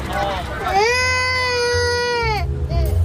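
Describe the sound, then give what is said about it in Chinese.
A baby wails in one long, high, sustained cry that rises and falls, preceded and followed by short whimpering sobs, loud over a low rumbling background. “哦，不哭啊！”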